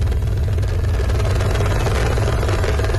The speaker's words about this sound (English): The rescue chopper hovers above the valleys of Nepal's northern Rasuwa district. There is no safe place to land after floodwaters washed away entire villages.